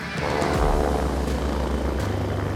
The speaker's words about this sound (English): Most of the time when my mom hears a helicopter, she runs outside and she waves like crazy. So let's see if it's the same thing today.